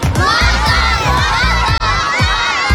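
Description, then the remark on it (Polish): A large crowd of voices shouts together in loud, rhythmic bursts, a stadium chant of call-and-response cries in Polish, answering "Who will win the match?" with "Motor!". The chant barely pauses, with a brief break midway. “Zazwyczaj ta loża jest cicha i spokojna, więc teraz chłopaki i dziewczyny, ci młodsi, ci starsi, chciałbym, żebyśmy wszyscy razem troszeczkę pokrzyczeli.”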